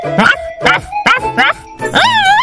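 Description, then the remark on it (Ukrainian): A dog barks loud at thieves, four quick sharp barks in a row, then one longer, wavering yelp that draws out at the end. “Побігли, побігли, тут собака.”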